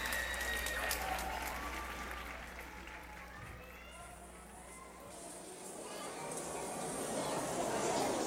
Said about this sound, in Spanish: Al terminar, la ovación parece nunca acabar.